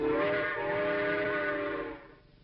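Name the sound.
steam train whistle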